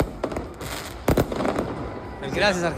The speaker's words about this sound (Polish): Na ulicach Buenos Aires fani Leo Messiego i jego kolegów tańczyli, śpiewali i odpalali fajerwerki.